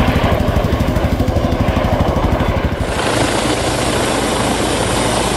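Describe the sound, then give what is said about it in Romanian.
A helicopter thunders overhead during a search for a missing child, its rotor chopping in a fast, steady rhythm for a few seconds before the sound blurs into a loud, continuous engine roar. No one speaks. “Se intervine cu un elicopter, cu drone și cu echipamente cu termoviziune.”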